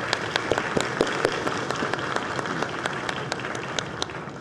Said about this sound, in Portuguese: Convido também o senhor Joaquim Bezerra, que é o presidente do Conselho Federal de Contabilidade. Pode aplaudi-lo.